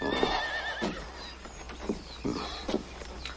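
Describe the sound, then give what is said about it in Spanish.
Horses: a horse whinnies with a high, wavering neigh, followed by a few shorter snorts and calls over a busy background of scattered thuds and clatter, moderately loud. “¡Cuidado con los caballos!”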